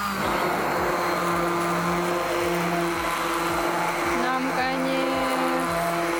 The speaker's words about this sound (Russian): Я довела суп до однородной консистенции и теперь добавляю в него сливки. И также еще раз блендерю.